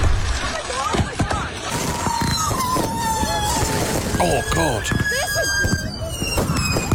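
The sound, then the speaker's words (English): Unsecured fireworks going off uncontrolled: shrill whistles and squeals mixed with rapid crackling pops and bangs, loud, while people react with brief startled exclamations. “See, the thing is, though, people didn't secure the fireworks. Works property, and this is what happened.”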